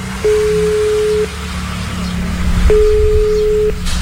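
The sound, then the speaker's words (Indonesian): A phone's ringback tone plays over a loudspeaker: two long, steady beeps about a second each with a pause between, over a low background rumble. No one speaks. “Coba tak bele wae yo, Mas yo. Tak loudspeaker iki.”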